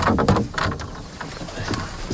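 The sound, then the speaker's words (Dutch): A canoe scrapes and grinds as it is shoved off the bank into the water, with a few rough, uneven pushes and a watery slosh, no voices. “Ik zal de kano van de kant afduwen.”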